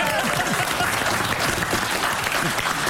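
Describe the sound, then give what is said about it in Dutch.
Sustained applause from an audience fills the whole stretch, dense and steady clapping with a faint murmur of voices mixed in beneath it. “Weer applaus. Applaus, ja.”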